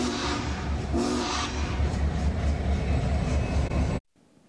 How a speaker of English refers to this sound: The train still has several more whistle stops along the Union Pacific route, traveling along the Platte River until Grand Island, then heading up towards Columbus. The Iron Giant will be stopping in Omaha on Saturday for a 6-hour public display.